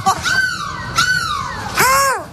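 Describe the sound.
A person mimics a seagull's cry with three loud, shrill, wavering calls, each sliding downward in pitch, with no other talking, during a live Énergie radio broadcast from a bus in Lille.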